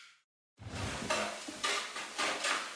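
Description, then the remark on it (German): Metal kitchenware clatters: a spoon scraping and stirring in a pot, with several sharp clanks of pots and pans over a steady sizzling hiss, and no voices. “Löffel, Topf, Pfanne, Bad Ischler.”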